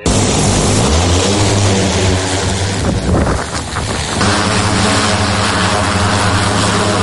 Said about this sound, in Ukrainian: За польотом одночасно стежать кілька бійців. Один контролює важкий дрон, інші слідкують за небом, аби поруч не було ворожих безпілотників.